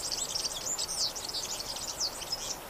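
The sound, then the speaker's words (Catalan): A European serin (Serinus serinus) sings a rapid, jangling stream of high, buzzy twitters that runs continuously without pause, moderately loud against a quiet outdoor background. “Gafarró, Serinus serinus. Au amb tonalitats groguenques que viu tot l'any als camps i zones de conreu.”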